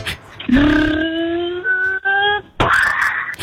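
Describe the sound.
A 6-year-old child voices a lion caught in a car crash: a long, strained, rising wail-like roar, a short gap, then a second harsh, raspy burst. No words are spoken.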